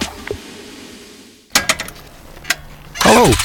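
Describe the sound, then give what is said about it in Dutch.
A motorcycle engine starts and revs: a few sharp mechanical clicks, then a loud, rising and falling engine roar that swells toward the end after a quiet moment. “Zoekt u een nieuwe motor of heeft uw motorfiets onderhoud nodig?”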